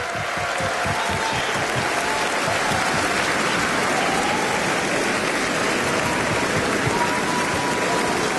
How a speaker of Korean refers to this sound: 네, 다시 한번 멋진 무대를 보여준, 감동적인 무대를 보여준 우리 어린이 합창단에게 큰 박수 보내주시기 바랍니다. 네, 기립박수가 이어지고 있습니다.